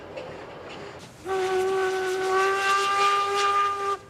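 A steam train's whistle sounds one long, loud blast lasting nearly three seconds, its steady multi-toned chord riding over a hiss of escaping steam, as the train runs to the slightly elevated station on the far side of the village of Pfützen, with no one speaking.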